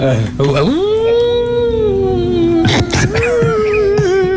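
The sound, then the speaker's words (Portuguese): A voice imitates a howling storm with a long, sustained moaning 'oooo' that swoops up, holds a steady wavering pitch, breaks off briefly, then resumes slightly higher and keeps droning. “Preciso de uma tempestade que uive.”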